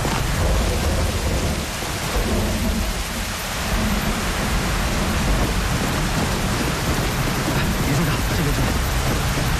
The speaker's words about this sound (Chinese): 哎，下雨了，咱们先到前面避避雨吧。快走快走。